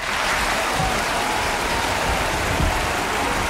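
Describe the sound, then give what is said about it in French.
A theatre audience applauds as the curtain falls on the play's last line, in a dense, unbroken wash of clapping that holds steady and loud throughout, with no individual voices standing out. “Quand le rideau tombe sur la dernière réplique, la salle applaudit à tout rompre.”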